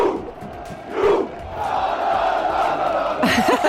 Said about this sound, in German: Das Wikingerrudern ist bei dieser WM jetzt also dementsprechend Signature-Move der norwegischen Fans. Ja, und alle machen mit.